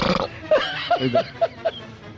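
A strange, drawn-out burp from a young man, breaking into several short croaky, grunting pulses, fairly loud, with no talking around it.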